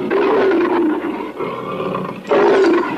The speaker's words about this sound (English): Wow, what a pack of hungry lions. That lion was trying to put a bite on me.